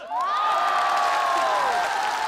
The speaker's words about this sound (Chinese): 我下联是过年的鞭，春节的炮，现场观众有尖叫。